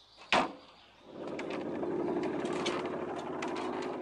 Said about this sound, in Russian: открывает спрятанный мотоцикл и едет за Лёликом